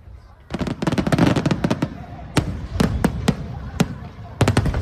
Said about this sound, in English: Well, an annual fireworks display has been lighting up the night sky in Taiwan.